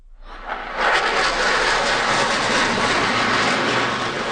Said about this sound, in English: Canadian CF-18 Hornets and American F-35 Lightning IIs conduct a flypast to celebrate July 4th and Canada-U.S. ties.